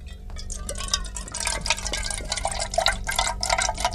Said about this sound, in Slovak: No toto, vravel som si, veď v tej hadičke si dakto nalieva malinovku do pohára.